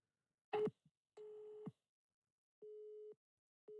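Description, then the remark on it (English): A telephone busy signal: a few clicks and a short noisy burst, then steady low beeps repeating in an even on-off pattern, each tone lasting about half a second. “No, still keeping getting busy signal.”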